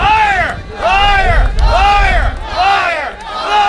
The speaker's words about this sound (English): Protesters booed and shouted liar as they denounced government's about turn on holding a referendum on the deal.